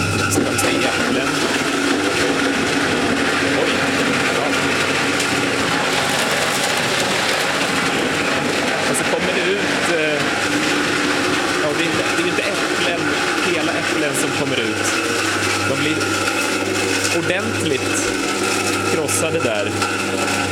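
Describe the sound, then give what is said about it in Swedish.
A fruit crusher machine grinds 10 kilograms of apples in a steady, loud mechanical churn, with a dense rasping, crunching texture and a low motor hum running unbroken throughout, plus faint voices mixed in. “Där krossades 10 kilo äpplen då.”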